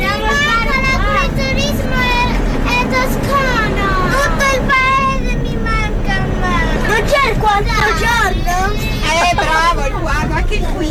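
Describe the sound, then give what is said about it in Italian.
A coach bus of 15 second-grade pupils from the Nazario Sauro elementary school in Milan, travelling through the Tuscan countryside, chatters and calls out over one another, high voices overlapping loudly and constantly above the steady low rumble of the coach engine. “il bambino che guarda la campagna toscana dal finestrino del pullman saluta gli alberi e l'erba”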